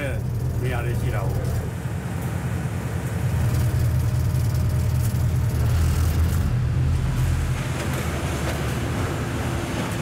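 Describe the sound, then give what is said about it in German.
An old train in Myanmar rumbles steadily along through the plains toward the mountains of the Shan Plateau, about 50 kilometres taking it nearly 2 hours, with a deep, continuous low roar and rattling clatter that holds loud throughout, with indistinct voices faintly mixed in. “Dafür braucht der alte Zug fast 2 Stunden.”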